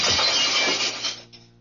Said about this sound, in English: What are you going to do with that gun? Just use the butt of it to break the glass, ma'am. Now, please stand clear.